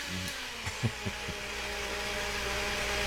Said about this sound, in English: Ooh, that's a supersonic blender. Yeah, that's a fast one. You don't want to be caught up with that one.